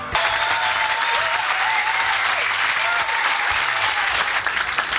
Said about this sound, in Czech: Já vám děkuji za váš potlesk.